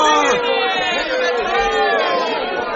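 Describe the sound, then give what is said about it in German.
A large crowd of soldiers shouts and cheers together, hailing Jehu as their king, a dense, steady roar of overlapping calls that stays loud for about three seconds. “und alle jubelten: Jehu ist unser König! Jehu ist König! Jehu ist unser König! Hurra!”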